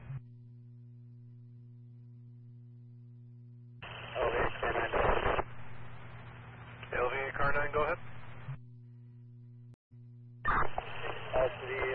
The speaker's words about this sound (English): You were barely making it out. Broken up and all static.